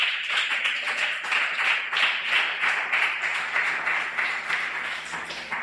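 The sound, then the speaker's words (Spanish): A crowd applauds steadily for several seconds, a dense wash of many hands clapping at once with a bright, crackling texture and no pauses, holding fairly constant loudness throughout. “Un aplauso porque todos estamos aquí.”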